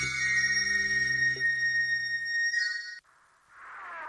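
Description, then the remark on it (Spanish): A loud electronic beep tone, the signal for leaving a WhatsApp message for Radio Cat, with bright layered harmonics holds for about three seconds and cuts off abruptly, then a softer chirping tone rises at the end. No voices. “Déjanos un mensaje en WhatsApp después de la señal.”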